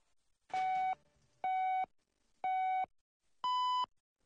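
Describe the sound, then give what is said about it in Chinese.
Four clear electronic beeps evenly spaced a second apart, the first three at one pitch and the last one longer and higher, a radio hourly time signal marking 12 o'clock Beijing time, with no talking. “现在是北京时间12点整。”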